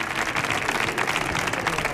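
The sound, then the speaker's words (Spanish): An audience at a live show applauds steadily for a participant, a dense wash of many hands clapping at once with an even, sustained loudness and no voices standing out. “Fuerte el aplauso para Vicente Ruidos, que luego será Mark Lenders.”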